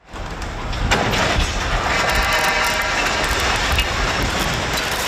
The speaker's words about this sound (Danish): Det var et 50 meter langt stillads, der omkring klokken 5:30 i aftes væltede og rev flere elledninger ned på kørebanen. Det lød sådan her.